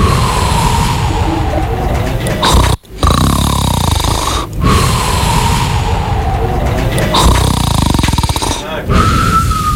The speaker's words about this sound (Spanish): Ronquido número 5. ¿El 5 es este? Ahí.